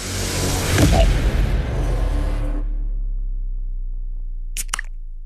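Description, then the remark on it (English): A beer can cracks open with a sharp snap and a spray of fizzing hiss lasting a couple of seconds, then a low lingering hum and two quick ticks near the end. “should we roll straight into the next can?”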